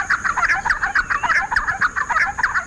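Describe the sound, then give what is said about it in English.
Raucous, chattering calls of giant wrens chasing one another through open woodland, a dense run of harsh, rapid notes overlapping one another, fairly loud, with no talking. “Far from shy, they call raucously as they chase one another through open woodlands.”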